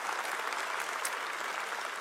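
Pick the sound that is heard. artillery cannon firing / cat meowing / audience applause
audience applause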